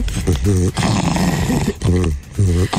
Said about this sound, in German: Da ist ein Fuchs, dem der Bauch gekrault wird. Wie niedlich ist das dann bitte?